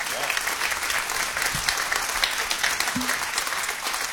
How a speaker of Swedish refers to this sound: Och stora applåder igen för bandet.